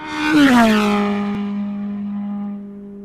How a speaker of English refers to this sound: How about that sound? They reckon the sound of F1 is just so deafening when you're there.